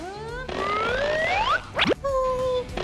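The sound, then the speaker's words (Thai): A springy, cartoonish boing of a toy fly bouncing out of a little-frog-eats-insects game, where the fly is tossed toward the frog's mouth: long rising whistly tones, then a quick wobbling twang, and a steady toy tone trailing off, fairly loud. “ทำสิเฮ้ยได้ไหมเนี่ยอีกนิดเดียว มันกระเด้งออกมา”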